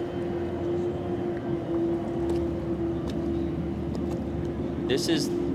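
A racing powerboat engine drones steadily and loudly at a constant pitch as the boat makes a slight right-hand turn into the start box, a thick continuous roar with a few brief higher chirps breaking through near the end.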